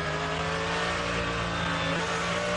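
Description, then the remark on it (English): A BMW GT3 race car, number 658 of J Motorsport, roars loudly and steadily at high revs as it passes, a dense, buzzing drone that holds for a couple of seconds, with no one speaking. “the 658 J Motorsport BMW from F.S. Jens, one of our customers”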